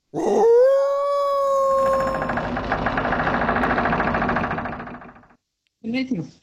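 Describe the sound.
A wolf lets out a long, rising howl, clear, as a steady rush of flowing creek water swells beneath it and carries on alone; a voice briefly cuts in afterward.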